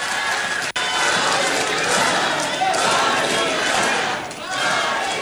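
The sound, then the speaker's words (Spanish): A large crowd shouts at politician Verónica Díaz Robles, roaring in a dense, continuous wall of voices, with one brief cut near the start and a slight dip in loudness toward the end. “¿Qué le estaban gritando, güey?”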